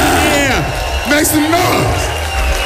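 A crowd cheers and claps steadily, with rising and falling whoops and shouts cutting through a dense, loud wash of noise that holds for the whole moment.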